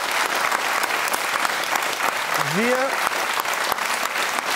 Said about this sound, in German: Nochmal ein kleiner Applaus.